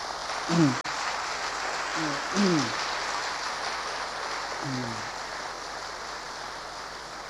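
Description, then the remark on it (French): Steady applause from an audience, a dense crackling wash of clapping that holds for several seconds, with a few short bursts of a man's voice rising above it. “Me revient une petite histoire pendant que vous applaudissez.”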